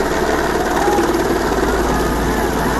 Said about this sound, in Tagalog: Responde na rin ang Philippine Air Force na nagsagawa ng heli-bucket operations. Pabalik-balik ang helicopter para magbagsak ng tubig sa mga nasusunog na bahay.